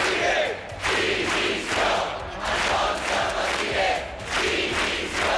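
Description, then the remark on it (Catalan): A crowd of protesters in Palma shouts slogans in unison against the police charges at Sunday's protest against mass tourism, loud rhythmic chants rising and falling in repeated bursts about once a second, with no other talk over them. “Són alguns dels crits que s'han sentit aquest migdia en contra de les càrregues policials que hi va haver en la manifestació de diumenge contra el turisme massiu.”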